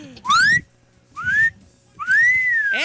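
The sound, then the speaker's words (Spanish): A person whistles three loud upward-sweeping notes, each short and separated by brief pauses, with the last one stretching longer over faint low background noise. “Por la número, pero oye, muy apenas, la verdad, es que debo decirte que muy apenas chiflaste.”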